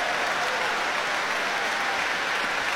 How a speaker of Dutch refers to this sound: En direct een ongelooflijk enthousiast applaus hier in de grote zaal van de Doelen in Rotterdam. Voor deze meesterpianist. En natuurlijk voor de muzici van het Rotterdams Philharmonisch Orkest.